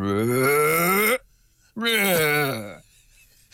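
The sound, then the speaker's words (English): A human voice imitates humpback whale song with two long, loud, harmonically rich moaning calls, the first sliding upward in pitch, the second dipping and wavering, separated by a brief silence. “I'm not sure I can do it justice to the full humpback whale voice, but it's something like...”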